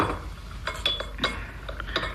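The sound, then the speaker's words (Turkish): Tea glasses clink lightly against each other on a tray of tea being brought in and set down, five or six bright, irregular taps over a soft background hush, one briefly ringing with a thin high tone. “Çayınızı getirdim dede. Aferin kızım. Getir tepsiyi şöyle ortamıza koy.”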